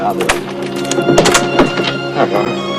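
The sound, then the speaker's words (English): A woman fumbles with her door key at a lock in a hotel corridor: a handful of quick, irregular metallic clicks and jingles under a steady, sustained tonal backdrop, with scrapes bunching together partway through. “She fumbles with her door key.”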